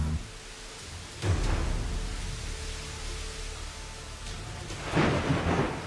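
A thunderstorm with steady rain hissing throughout, punctuated by two deep rolling rumbles of thunder, one early and one near the end.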